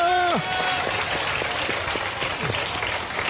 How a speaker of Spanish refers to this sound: Mientras puedes levantar las manos, aplauda al mismo tiempo también. ¡Alábalo!